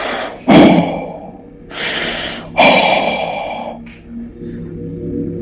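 Heavy, raspy breathing: a sharp gasp, then two long drawn breaths and a short final one, loud and uneven, with no talking.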